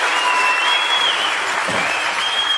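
Steady, dense audience applause, a continuous wash of many hands clapping at an even loudness throughout, with no voices standing out.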